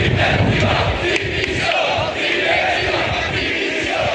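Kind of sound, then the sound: crowd, protesting football fans chanting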